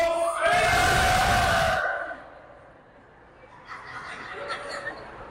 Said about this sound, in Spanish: A ver, viejos, ¿qué tal si gritamos nosotros? Nomás para que se den cuenta de qué lado más calaiguana. Nomás para que se den cuenta que nosotros también somos buenos para gritar. A ver, hombres, un grito de júbilo.